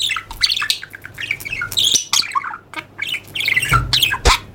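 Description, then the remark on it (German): A budgerigar squawks and chirps continuously in rapid, busy bursts of shrill, scratchy calls, fairly loud, with no talking. “Also ähnlich, wie sich viele einen Wellensittich vorstellen.”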